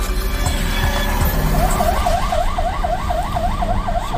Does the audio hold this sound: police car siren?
yes